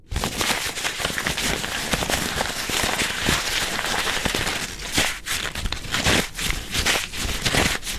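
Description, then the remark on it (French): Handmade paper being crumpled, a steady run of dense, crackly rustling and crinkling with sharper crunches toward the end, fairly loud and continuous with no talking. “Et maintenant, si on le froisse?”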